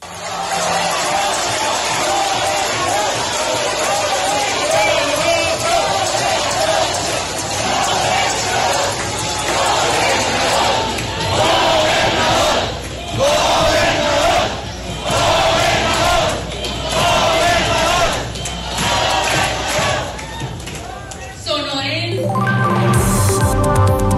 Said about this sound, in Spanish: En una reunión con la dirigencia estatal en Hermosillo, Colosio Riojas dio un discurso promoviendo el partido a nivel nacional. Y ahí le gritaron, gobernador, gobernador, gobernador.